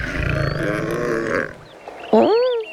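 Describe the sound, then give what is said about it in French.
A large lion with a golden coat and mane, lying in the shade of a tree and resting, gives a long, deep, rumbling yawn that swells and fades, followed by a short, breathy vocal moan with a rising-and-falling pitch, with no talking. “Il bâille.”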